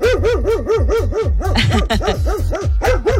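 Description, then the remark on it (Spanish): A dog gives an alert bark, rapidly and insistently, a loud run of about a dozen sharp, high-pitched barks in steady rhythm with barely a pause between them. “Cuando hay uno de alerta, es un poco más agudo, es rápido y repetitivo.”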